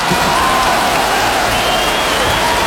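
Steady, dense applause from an audience, a continuous loud patter of many hands clapping with a faint murmur of crowd voices beneath.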